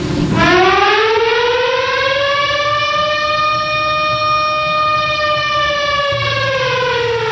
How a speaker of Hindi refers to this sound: घड़ी की सुई में जैसे ही 7 बजे सायरन की आवाज से पटना, अररिया, किशनगंज, बेगूसराय, पूर्णिया और कटिहार जिले में जनजीवन थम सा गया।